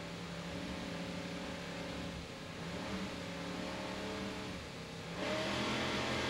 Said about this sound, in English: Let's listen to those Mercury engines as they rev up and start the race. Powered by two 800 horsepower Mercury inboards, 40 foot down.